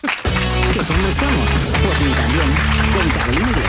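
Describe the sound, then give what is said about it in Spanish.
Audience applause for Javier Coronas on the show Ni También: a loud, dense wash of clapping that starts abruptly and holds steady for a few seconds, with voices rising and falling over it. “Un aplauso a Javier Coronas.”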